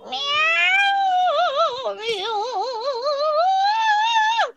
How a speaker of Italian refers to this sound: Chi è? E che è sto? Un'invasione. Un'invasione di gatti.